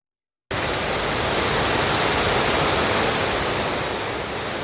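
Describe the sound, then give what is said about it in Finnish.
A steady, dense roar of the rushing Verlankoski rapids begins abruptly after a brief silence and holds at a constant, loud level, a broad hiss of churning water with no voices. “Punaisessa mökissä kuohuvan Verlankosken rannalla asuvat Heinosen sisarukset.”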